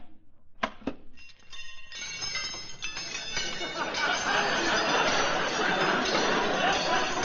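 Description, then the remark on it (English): A couple of sharp metallic clinks, then a long, rising cascade of monogrammed silverware clattering and jangling as a pile of cutlery is dumped out of a guitar case onto the floor, growing louder and denser over several seconds. “Frankie, that's my silverware.”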